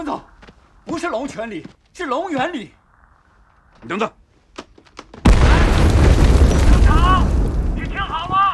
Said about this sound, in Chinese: 听到炮声了